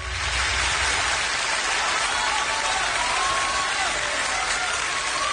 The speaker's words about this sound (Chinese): 谢谢朋友们的掌声啊， 感谢大家。